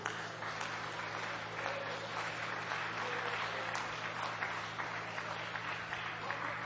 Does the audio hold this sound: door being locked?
no